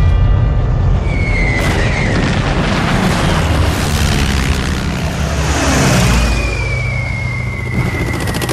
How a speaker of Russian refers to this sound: В 43-м году генерал Чуйков попал под бомбежку. Сразу несколько немецких самолетов наносили удары по укрытию, где находился полководец.